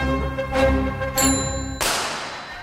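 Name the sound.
bicycle bell ringing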